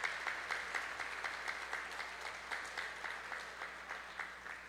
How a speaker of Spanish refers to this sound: Son fragmentos, un aplauso a las mamás también, ¿cierto? Las mamás aquí.